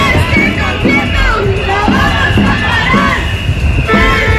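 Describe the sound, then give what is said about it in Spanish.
A large street crowd of thousands of families, students and teachers, demonstrating for public education against the PP-Vox government's baccalaureate plan after two days of strikes, shouts and chants together in loud, sustained waves, many voices overlapping into a dense roar with rhythmic rises of collective yelling throughout. “El grito de la educación pública contra la concertación del bachillerato del gobierno PP-Vox sonó así.”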